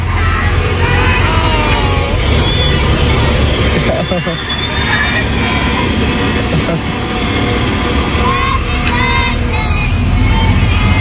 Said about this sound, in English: The school bus driver even slowed down really slow so that kids could finish singing happy birthday to him.